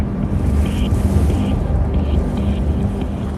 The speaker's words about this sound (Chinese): 当我踏出舱门，耳边只有呼啸的风声。